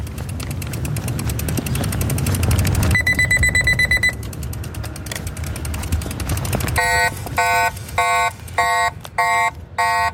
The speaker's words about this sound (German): Das ist der zweistufige Alarm, den wir gehört haben. Zuerst ist der erste kleinere Alarmton und nachher kommt der wirklich störende und zurückschreckende Alarmton.